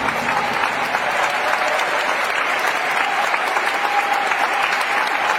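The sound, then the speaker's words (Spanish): An audience applauds steadily for several seconds, a dense, even wash of clapping hands with faint voices mixed in underneath. “Denle un aplauso a Dios Todopoderoso.”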